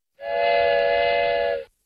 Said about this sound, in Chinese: 1928年6月4日，在北京开往东北的京凤铁路线上，一列22节的专列车头冒着浓烟，一路呼啸向山海关方向飞驰。